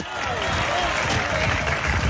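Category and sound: crowd, audience applauding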